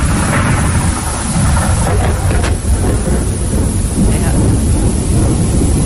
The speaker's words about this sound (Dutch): Dus effectief met donder en met regen en met zeer veel grijzigheid. Je ziet eigenlijk niks meer van de kust.